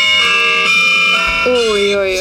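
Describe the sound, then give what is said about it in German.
An iPhone wake-up alarm ringtone plays loud, a bright chiming of church-style ringing bells with sustained metallic tones layered over one another for a couple of seconds. “Ich habe mir ganz katholisch-bayerisch, habe ich mir die Glocken in den Morgen geholt.”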